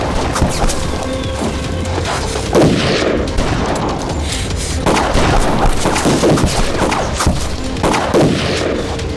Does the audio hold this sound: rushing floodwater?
no